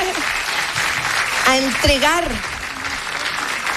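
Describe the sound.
A crowd applauds steadily throughout, a dense, even wash of clapping, while a voice briefly calls out over it midway.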